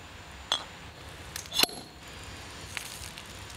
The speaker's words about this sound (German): Wir haben keine Säbel, wir haben zeitgemäß eine Axt, hat aber tatsächlich auch einen gewissen funktionellen Vorteil, dass wir vorne ein großes Gewicht haben und damit eigentlich recht sicher eine Flasche auch sabrieren können. Und los.